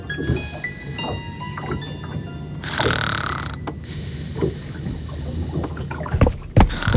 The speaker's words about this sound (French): Elle somnole, en se laissant bercer par le roulis du bateau.